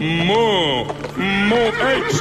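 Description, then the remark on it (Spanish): A horse whinnies loudly, two wavering, high-pitched calls with a brief dip between them, each rising and falling in a quivering glide. “Yo, bájate para el caballo y dame un cigarrito encendido.”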